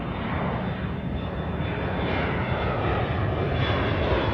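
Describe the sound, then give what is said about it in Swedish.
A steady, unbroken airplane engine drone on a flight from New York in 2015: a loud low rumble with a broad hiss layered over it, holding even for the whole stretch with no voices. “Det är 2015 när den nu 60-årige sydafrikanen Derek Yach kliver på ett flyg från New York.”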